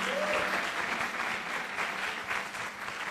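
A crowd applauds loudly and steadily, a dense wash of many hands clapping for about three seconds with no voices standing out, applauding to send off a guest on a travelling radio show.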